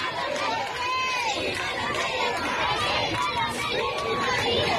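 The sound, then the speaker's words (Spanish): A large crowd roars steadily, many voices shouting, cheering and applauding at once, with rising and falling cries over a dense wash of noise that stays loud throughout, greeting Pope Leo XIV as he passes standing in the popemobile in front of the Royal Palace in Madrid, Spain, in full sunshine. “Mucha alegría, aplausos, vítores a León XIV.”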